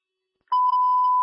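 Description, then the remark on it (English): After a moment of silence, a loud, steady radio dispatch alert tone cuts in abruptly and holds at a single unwavering pitch, with no voices present, sounding before emergency traffic is broadcast. “I got hot traffic coming out.”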